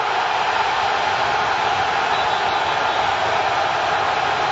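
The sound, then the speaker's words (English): A World Cup stadium crowd on its feet cheering after Raul Jimenez scores a penalty past Jordan Pickford, a loud, dense, unbroken roar that holds steady for the whole stretch, with no single voice standing out from the mass of sound. “The crowd are on their feet again!”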